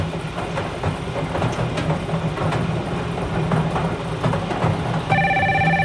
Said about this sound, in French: Alors, le téléphone sonne.